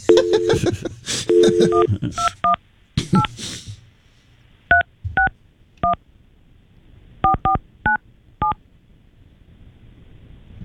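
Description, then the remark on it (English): A series of telephone keypad dialing tones, short dual-pitched beeps pressed in quick bunches, then spaced out in an uneven rhythm, clear with only faint background noise between them, dialing the 218 number. “It's one you called.”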